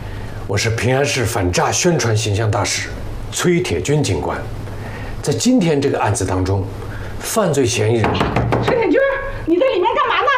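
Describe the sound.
Several sharp knocks on a door land between and under steady, animated talking from two people. The knocking is fairly loud and comes in short bursts rather than a steady rhythm, as someone outside demands the door be opened while the person inside records an anti-fraud publicity video.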